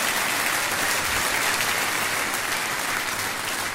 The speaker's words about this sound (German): Der Applaus geht runter wie Öl, ehrlich.